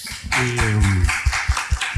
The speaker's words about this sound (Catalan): Doncs, novament, jo sí que els demanaria un aplaudiment, perquè crec que se l'han guanyat.